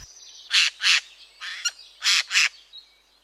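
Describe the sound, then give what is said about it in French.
A Eurasian jay, a bird of the crow family, gives five harsh, rasping screeches, mostly in quick pairs, loud against a faint background with no voices. “Parlons d'un oiseau aujourd'hui particulièrement commun dans nos forêts, le jai des chênes.”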